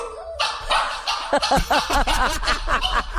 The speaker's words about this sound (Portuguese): Por exemplo, um microfone, você pode colocar o cachorrinho aqui, ó, pra ele latir no microfone. Ó. Eita, gente. O cachorrinho late, ele volta no microfone e late de novo. Olha lá, porque ele viu que tem eco.